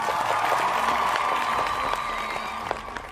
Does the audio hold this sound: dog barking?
no